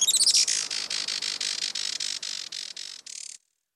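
A Juan Fernandez Firecrown hummingbird calls in a rapid run of high, buzzy chirps, starting with quick stuttering notes and settling into a steady pulsing series of about a dozen bursts, fairly loud, with no voices.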